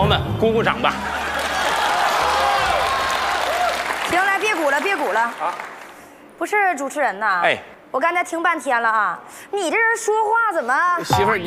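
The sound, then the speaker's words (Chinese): Wedding guests burst into loud, steady applause for about four seconds after the host asks them to clap for the newlyweds; the clapping fades as a man begins speaking in animated, broken phrases. “朋友们，鼓鼓掌吧！”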